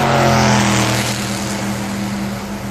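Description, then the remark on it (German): Loud race car engines roar together at the start of the 31st Formula race on a hot summer day, a steady droning hum of several motors layered over a broad rushing noise, holding level for the whole moment with no voices. “20 seconds to the start of the 31st Formula race on a hot summer.”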